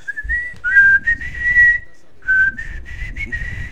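A person whistles a rock tune up close, two sustained melodic phrases with a short pause between them, clear and fairly loud over a low background rumble.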